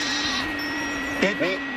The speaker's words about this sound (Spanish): Claro, si no es una oveja, es una cabra. La cabra. Se parece mucho, ¿eh? Pero es una cabra, además, con denominación de origen.